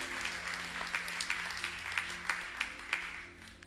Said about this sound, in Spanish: ¿Cómo estuvo ese aplauso?